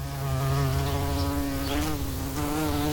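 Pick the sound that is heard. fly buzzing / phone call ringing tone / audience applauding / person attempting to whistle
fly buzzing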